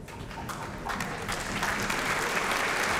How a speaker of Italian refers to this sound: E accolto dagli applausi del pubblico, applausi calorosi, entra Francesco Ivan Ciampa. L'orchestra si alza. Ciampa stringe la mano al primo violino. Terzo atto della Traviata di Giuseppe Verdi in diretta dal Teatro dell'Opera di Roma.